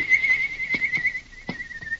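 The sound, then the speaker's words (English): A long, steady, high-pitched whistled signal holds one note with a slight warble for about two seconds, while a few soft thumps sound underneath. It is the agreed signal, given by Dan in a Lone Ranger story the way Tonto taught him. “Then he gave the signal agreed upon.”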